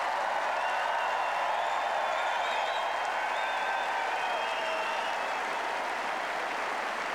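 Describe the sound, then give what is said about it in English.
A large Centre Court tennis crowd stands and gives sustained applause as a British player leaves the court after his match, a dense, steady roar of clapping with faint cheers and whistles threaded through it, holding loud and even throughout. “Now, let's just listen to this reaction as he leaves the court. He's collected his racket bag. He's heading off. He's applauding the centre court crowd.”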